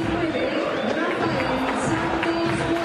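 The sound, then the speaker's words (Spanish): A large football stadium crowd applauds and roars for player Freitas as he goes to the bench, a steady, dense wash of noise with a sustained low droning tone running beneath and no clear individual voices standing out. “Para aplausos.”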